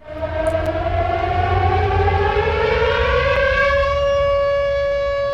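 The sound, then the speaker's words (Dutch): A loud civil defense air raid siren wails steadily, its rich harmonic tone slowly gliding in pitch as it sustains throughout, heard alone without any voices, on the 1985 VPRO radio programme Het Gebouw on Hilversum 2 in the Netherlands. “U hoort een sirene.”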